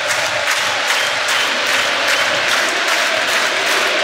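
A football stadium crowd fills the air with steady, loud applause and a dense roar of voices, continuous and unbroken throughout, with no distinct speech standing out.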